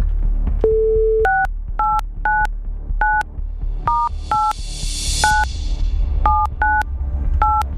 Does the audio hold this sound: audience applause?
no